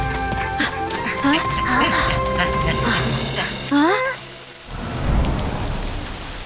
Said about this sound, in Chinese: 哇，下雨了。